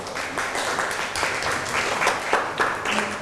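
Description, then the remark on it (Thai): Students in a classroom clap together for a classmate after an answer, a dense patter of many hands with irregular bursts and no voices on top, steady in loudness throughout. “นั่งลงครับปรบมือให้กับเพื่อน”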